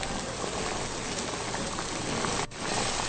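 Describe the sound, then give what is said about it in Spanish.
Battered food sizzles steadily in boiling oil in a cooking pot, a dense, even crackle of tiny pops running the whole time with one brief dip near the end. No one speaks. “Y vamos a agregarla a la cazuela donde ya tengo el aceite hirviendo.”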